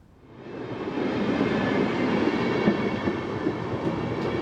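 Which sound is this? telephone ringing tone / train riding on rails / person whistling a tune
train riding on rails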